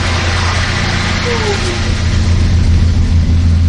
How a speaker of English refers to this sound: We pack up and run down, barely making the last bus of the day. This bus is headed back to the visitor center.